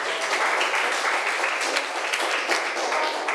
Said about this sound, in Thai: นักเรียนปรบมือให้เพื่อนหน่อย